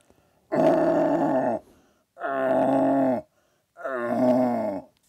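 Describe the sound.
Three drawn-out, groaning roars, each about a second long with short pauses between, loud, a several-time Vorarlberg deer-calling champion imitating a young red deer stag's rutting bellow.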